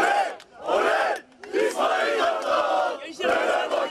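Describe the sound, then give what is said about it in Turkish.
A crowd of Fenerbahçe fans cheers and chants in loud, surging bursts, many voices shouting together in a rhythmic swell with brief dips between the waves of noise, welcoming the arriving team at the Topuk Yaylası facilities in Düzce and backing head coach İsmail Kartal. “Düzce'deki Topuk Yaylası tesislerine giden kafileye coşkulu bir karşılama yapan taraftarlar, teknik direktör İsmail Kartal'a destek verdi.”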